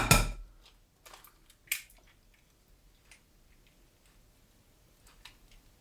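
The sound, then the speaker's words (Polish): An eggshell is tapped in the same spot until it cracks, then opened along the crack: a sharp crack at the start, then a few scattered light clicks and crunches of shell, with no talking. “tak żeby to jajko po prostu mi pękło”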